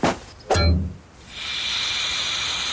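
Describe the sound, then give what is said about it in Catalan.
A punctured car tyre pops with a couple of sharp thumps, then air rushes out in a steady, loud hiss that keeps going without a break. “Empunxat! Què dimonis és això?”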